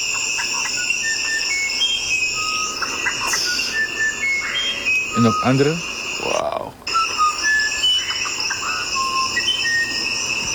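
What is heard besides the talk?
bird song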